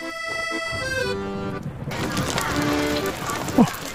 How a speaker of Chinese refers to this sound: 下雨了，同学们快回教室吧。快走。